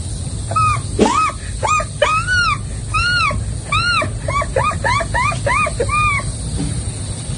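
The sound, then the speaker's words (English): A voice imitates an American herring gull's call: a run of loud, nasal yelping cries that start spaced out, then quicken into a rapid laughing series over a low background rumble. “the herring, the American herring gull.”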